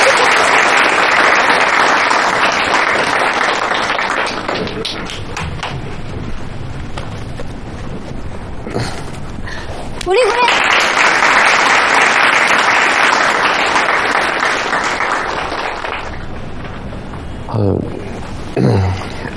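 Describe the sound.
A crowd claps loudly and steadily, welcoming a new employee up to share how they closed sales, the applause easing midway and then swelling again in a second burst before tapering off, with faint voices underneath.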